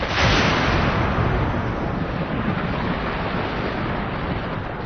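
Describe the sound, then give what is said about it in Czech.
A heavy, sustained thunder rumble, loudest at the start and then rolling on as a deep, roaring wash of noise for several seconds, with no voices. “V tu chvíli se země hromem otřásla.”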